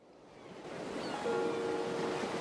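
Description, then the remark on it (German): Atlantic Ocean waves surge onto the shore at Vigo on the Galician coast in a broad, steady wash of noise that swells gradually louder, with a faint whistling tone drifting over the surf and no voices. “Marina hält eine Videokamera in der Hand und richtet die Linse auf das rauschende Meer.”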